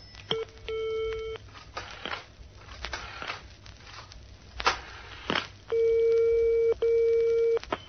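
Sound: telephone call ringing tones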